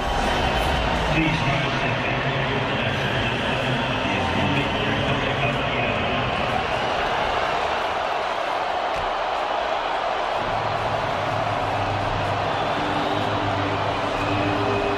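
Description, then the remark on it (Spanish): A huge stadium crowd boos and whistles in a loud, unbroken roar for the whole stretch, with a national anthem barely audible underneath the jeering. “No soy de los que les gusta un pelo oír abucheos a un himno, a ninguno, porque representa un país, pero no solo en presente, sino para mí en su historia también.”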